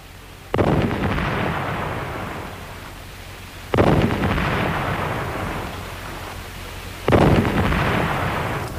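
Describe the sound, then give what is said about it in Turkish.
Three heavy cannon blasts boom at steady intervals of about three seconds, each a sharp deep thud followed by a long rumbling decay. No voices are heard. “Gökte top sesleri bir bir nerelerden geliyor?”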